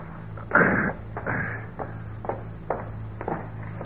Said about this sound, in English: I couldn't have been asleep for more than an hour when I was awakened by someone knocking on my door.